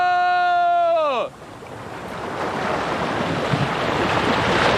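A loud, sustained shout that drops off sharply, followed by a steady roar of ocean waves breaking on shore, the surf noise swelling and washing continuously to the end.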